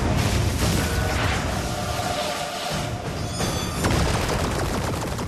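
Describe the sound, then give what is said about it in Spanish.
A loud, dense barrage as a militia fires a wave of rockets at a spaceship, hitting it: rocket blasts and explosive bursts rumble continuously and overlap with no pauses, with crackling debris and a brief dip in the low roar partway through. “La milicia lanza una ola de cohetes hacia la nave.”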